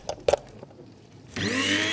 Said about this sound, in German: Und dann hier noch meine elektrische Kaffeemühle. Damit mahle ich immer meine Kaffeebohnen klein. Stecker rein.